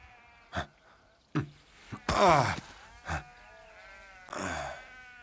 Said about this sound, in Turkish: Koyunların arasında İskoçya'da mıyız?